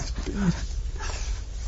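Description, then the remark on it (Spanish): A puppy lets out a short, high whimper near the start, followed by soft breathy panting against a low, noisy background. “Y entra perrito 1.”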